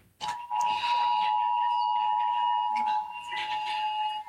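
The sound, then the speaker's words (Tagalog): Several mobile phones in a courtroom during a trial's direct examination blare emergency alert alarms at once, an NDRMC rainfall alert: a loud, steady, piercing electronic tone that holds continuously throughout, with overlapping higher pitches and brief bursts of background noise. “Sa kasagsagan ng direct examination, makailang ulit na bahagyang natigil ang pagtatanong ni Private Prosecutor Armando Berhil Ligutan dahil sa sabayang pag-alarma ng mga telepono.”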